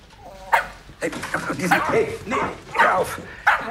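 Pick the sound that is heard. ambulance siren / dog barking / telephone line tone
dog barking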